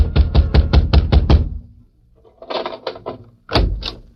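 Heavy, rapid pounding on Grabber Garson's door, waking him: about seven loud blows in quick succession, then a pause and a second, lighter burst of knocks followed by two more hard thumps.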